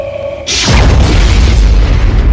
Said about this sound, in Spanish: El sonido que produce el látigo es en realidad una pequeña explosión sónica. La punta del látigo es más rápida que la velocidad del sonido.